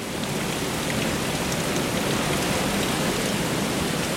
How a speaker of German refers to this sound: Durchsichtige Plastikrohre führen von den Becken über die Decke auf Sortierband. Alle paar Sekunden schießt ein Wasserstrahl einen Aal durch das Rohr bis aufs Fließband.